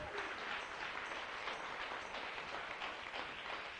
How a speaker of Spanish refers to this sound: Dele un aplauso al Señor y al mismo tiempo una sonrisa.